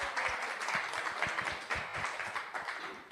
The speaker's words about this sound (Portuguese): Salve de palmas para ela.